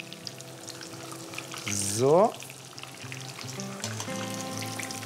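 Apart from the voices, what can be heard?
breaded food frying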